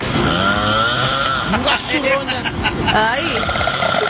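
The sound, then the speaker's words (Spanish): Extremely loud, rasping snoring roars continuously, harsh and buzzing like a chainsaw, while a voice briefly exclaims over it. “No mal, está roncando, se le metió el diablo. No, están podando el cesto, están tumbando un árbol.”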